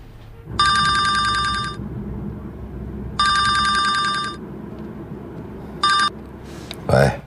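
A telephone rings in bursts as a call is placed, two full rings about a second long each and a third cut short, loud over a low murmur of background noise.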